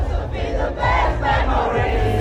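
A big concert crowd screams and sings along loudly to a song, a dense roar of many voices over music with a steady beat, sustained throughout.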